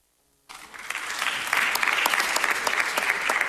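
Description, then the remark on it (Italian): Applause breaks out suddenly after a moment of near silence at a live-streamed event, a dense crackle of many hands clapping that swells and stays loud and steady, with no voices over it. “Beh, ricordo che c'è la diretta, quindi magari ci sta vedendo Michele e ha sentito l'applauso.”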